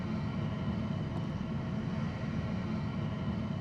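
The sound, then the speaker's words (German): A steady, heavy engine rumble with a broad low drone and hiss from a TUI fly passenger jet taxiing slowly at Hannover Airport behind a Follow Me car toward gate G13, constant in level with no voices. “Das ist unsere TUI-Fly. Die nehmen wir jetzt und bringen sie sicher zum G13.”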